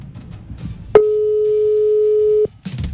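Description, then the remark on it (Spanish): A single steady electronic ringing tone from a WhatsApp phone call sounds loudly for about a second and a half, with faint background murmur before and after it. “Lo voy a llamar por WhatsApp a ver si escucha, porque es de otro país.”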